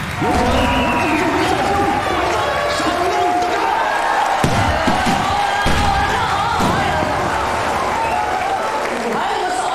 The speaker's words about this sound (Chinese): 欢迎好朋友们来到我们凤凰城东方演艺中心观看我们的演出，也感谢大伙刚才热情洋溢的掌声。